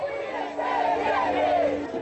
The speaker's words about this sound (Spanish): ¡Mire, mami! ¡Cuánta gente en esa manifestación! Dicen que es por el agua.